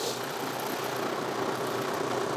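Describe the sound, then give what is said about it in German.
A six-cylinder engine idles with a steady, low rumbling drone, continuous for the whole stretch, with no voices over it. “Da bollert da der 6-Zylinder.”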